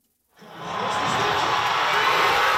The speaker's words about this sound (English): At a watch party in Toronto, the crowd goes wild. Only one goal in the match between Canada and South Africa, but that's all it took to make history.